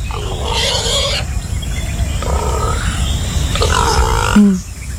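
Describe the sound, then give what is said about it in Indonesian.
A wild boar grunts three times in drawn-out, rough, rasping bursts separated by short pauses, over a steady low rumble of background noise. No one speaks. “Panjang umur memang babi ni.”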